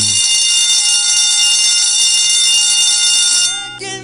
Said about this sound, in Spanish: Entonces tómelo muy en cuenta por ahí, escuche usted la chicharra.